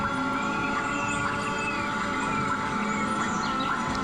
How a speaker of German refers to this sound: Vögel? Es könnten auch Vogelstimmen aus dem Amazonas sein, denn die brasilianische Klangkünstlerin Bella Compson mischt für ihre Klanginstallation im Park die in Klänge umgesetzten Magnetfelder von Bäumen mit Sounds aus dem brasilianischen Regenwald.